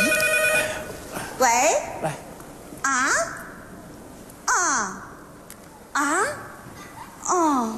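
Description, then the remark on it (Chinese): A phone rings with an incoming call from an elder sister. The melodic, voice-like ringtone gives five loud, sliding bursts repeating about every second and a half over a faint background murmur. “哎呀，别闹了，是大姐来的电话。”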